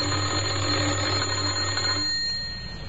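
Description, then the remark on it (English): A loud electric doorbell at a house in Oxford, pressed by a man at the door, rings in one continuous, buzzing burst for about two seconds, then cuts off and its tone fades away. No voices are heard. “He had a worried expression on his face as he walked up the few steps and pressed the doorbell.”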